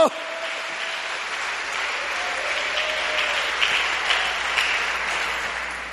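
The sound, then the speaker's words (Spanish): An audience applauds steadily, dense overlapping clapping forming a continuous wash of noise that holds even for the full stretch, with no talking over it. “Cuando da gloria a Dios, dale fuerte ese aplauso.”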